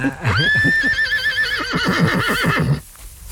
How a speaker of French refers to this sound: Rendez-vous compte, regardez l'harmonie de ce cheval ici, là. C'est le jument, là. Elle est pleine, non? Oui, elle est pleine, bien sûr.